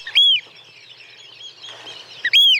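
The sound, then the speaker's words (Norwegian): Two loud, shrill piping calls from a Eurasian oystercatcher, one at the start and one at the end, each a sharp high whistle standing out clearly over a faint background hiss. “Der hørte du kjellen, og så var det jo den som hadde litt sånn sjølysens langt, oransje nepp.”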